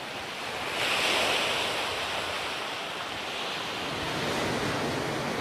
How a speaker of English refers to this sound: We got aboard ship, and if you're not familiar with San Diego, the water's like this all the time, big waves.